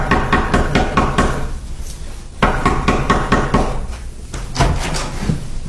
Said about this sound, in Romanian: Domnule, cum puteți să bateți așa într-o ușă?